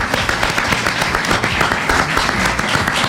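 An audience applauds with dense, steady clapping, many hands blending into a continuous crackling wash that holds at a fairly loud, even level throughout, with no voices over it.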